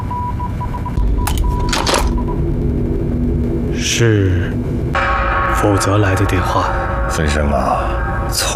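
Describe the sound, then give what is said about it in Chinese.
An old telephone bell rings in a few short, sharp bursts early on, fairly loud, while people talk over a low background rumble. “电话追到这儿来了。”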